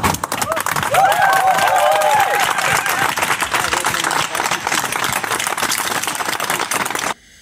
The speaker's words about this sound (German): Da klatscht die Hassbubble für das Transzebra.